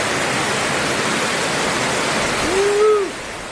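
The raging Lahaina River, hit by Hurricane Lowell, rushes across the landscape with a loud, steady roar of churning water that fills the whole clip. A brief wavering tone rises and falls just before the end.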